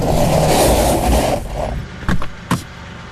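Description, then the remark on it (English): A portable electric fan, used to cool off a hot car, whirs loudly and steadily inside the car for over a second, then cuts out, followed by two sharp mechanical clicks or clunks. “What's with the fan?”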